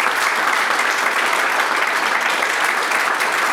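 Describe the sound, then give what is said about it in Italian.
Steady, dense applause from a studio audience, many hands clapping continuously at an even loudness throughout, full with no voices standing out above it. “Quindi grazie a voi tutti, un applauso.”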